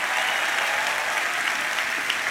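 Steady, dense applause from an audience during a sermon, a strong round of applause to the Lord, a continuous bright crackle of many hands clapping at an even, fairly loud level throughout, with no voices standing out.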